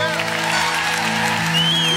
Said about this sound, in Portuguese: Uma salva de palmas para esta produção incrível.